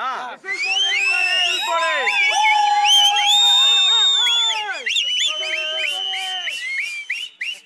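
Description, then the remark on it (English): A dense, continuous chorus of shrill whistles blown by many supporters at once in celebration, overlapping pitches sliding up and down, with crowd cheering and shouting mixed in, loud throughout. “And that's the reason you're hearing these whistles.”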